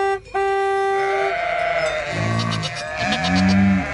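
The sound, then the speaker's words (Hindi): Goats on a road bleat twice in a row, each call a loud, wavering, nasal cry lasting under a second, after a brief steady tone at the start. “रास्ते की सब बकरियाँ और गायें दूर हट जाती हैं।”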